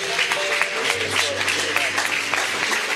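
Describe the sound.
An audience claps loudly and steadily, a dense wash of many hands with sharper individual claps standing out, sustained at full strength throughout with a faint voice and low hum underneath.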